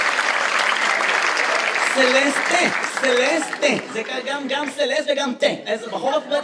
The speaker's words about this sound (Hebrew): איפה כפיים לסלסטה, גבירותיי ורבותיי?